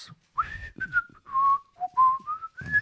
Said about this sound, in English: The guy that's, or the lady that's, you know, just walking down whistling.